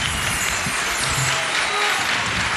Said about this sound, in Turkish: Alkışlar sizin için. Ağzınıza sağlık.